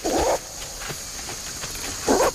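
A western lowland gorilla in Loango National Park gives two short, gruff warning barks on hearing people approach, about two seconds apart and loud, with a steady high insect-like hum and faint rustling filling the gap between them.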